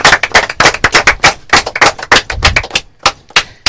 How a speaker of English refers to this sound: Second runner-up, we have St. Gregory's College, which finished with 33.5 points. A round of applause.